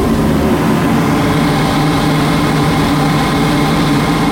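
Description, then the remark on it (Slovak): A steady mechanical hum of the ventilation fan and vacuum pump of a planetarium's air-extraction system, heard from a narrow corridor behind the main hall, with the system running directly overhead behind the projection screen; a low droning tone and a constant airy whoosh that never changes in loudness, with no voices. “Takže jednoduchá vec s ventilátorom, s vývevou a trošku hluku, ale návštevník nič nepočuje.”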